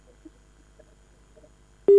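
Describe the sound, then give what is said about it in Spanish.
A quiet, near-silent line with faint low hum and a few soft blips, then a loud, steady telephone busy tone cuts in abruptly at the end, after a caller hangs up on a call to a radio station. “Mira, y me cortó el teléfono.”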